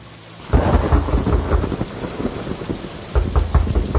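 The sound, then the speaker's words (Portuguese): Heavy rain pours down steadily while thunder rumbles loudly, with deep booming surges early on and again near the end, and no voices. “Com essa chuva eu vou ter que abrir a porta!”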